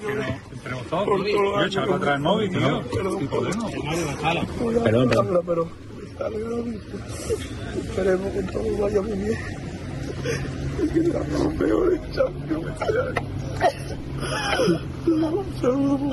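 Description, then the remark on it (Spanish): A young football player sobs inconsolably as he leaves the Betis club, his breath catching in shaky, whimpering bursts, while a crowd murmurs and other voices talk in the noisy background. “… con esas lágrimas y llorando, vamos, y desconsoladamente el chaval”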